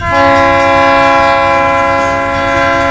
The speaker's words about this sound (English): The train whistle for Giles.